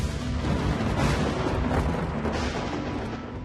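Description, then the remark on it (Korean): A loud, rolling rumble of thunder that swells and churns steadily, deep and crackling, fading slightly toward the end, with no voices. “딸기를 맛본다거나 천둥 소리를 듣는 것도 마찬가지죠.”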